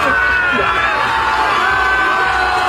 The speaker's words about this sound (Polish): Meta znajdowała się na plaży w Dziwnowie. Tam przywitały go tłumy.